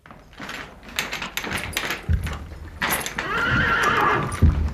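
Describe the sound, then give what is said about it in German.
A horse whinnies loudly, its neigh rising and wavering, while hooves clop and shuffle in uneven bursts, with some knocking and rattling in the background. “Dass wir die Pferde ihren Hafer richtig kriegen.”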